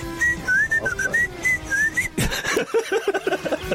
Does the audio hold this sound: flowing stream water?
no